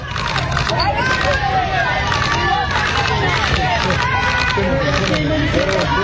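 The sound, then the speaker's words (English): A dense crowd of overlapping voices fills a busy street in the Bronx, New York, shouts and calls rising over a steady low rumble, the babble continuous and loud throughout with no single voice standing clear. “This is a crowd on a Bronx street in New York.”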